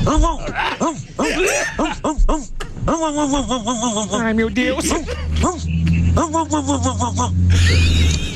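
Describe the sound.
A person imitates a dog with a string of nasal, yelping barks and whimpers, loud and rapid over about eight seconds, with other voices and laughter mixed in underneath.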